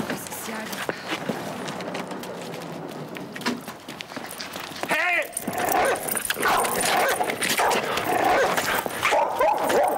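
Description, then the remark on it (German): A dog barks in agitated bursts and whimpers, the yelps sharp, with voices and scuffling movement underneath throughout. “Halt sofort den Hund fest.”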